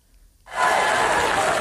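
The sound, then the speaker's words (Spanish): After a brief moment of quiet, a large audience suddenly bursts into loud, sustained applause and cheering that continues steadily to the end. It is an ovation opening Apple's traditional autumn product presentation. “Con esta ovación, el nuevo CEO de la compañía, John Ternus, iniciaba esta tarde la tradicional presentación de otoño de la compañía”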